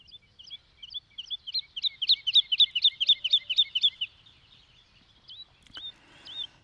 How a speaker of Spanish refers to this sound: nombre científico Lulula arborea. Es una ave pequeña y discreta, parecida a una alondra